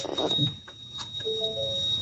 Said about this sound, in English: I had the trolley ramps down, and when you put the ramp down, it sends a buzzer off, so I've just put the ramps back up quickly.